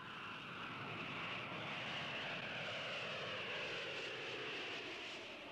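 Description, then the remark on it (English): An Air Jamaica DC-9 jet airliner arriving from New York roars steadily and loudly, its broad engine whine filling the whole few seconds without breaks or speech. “Air Jamaica announces the arrival of its DC-9 Super Lovebird service from New York.”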